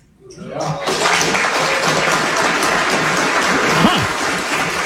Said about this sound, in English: Is that right? To a rousing applause.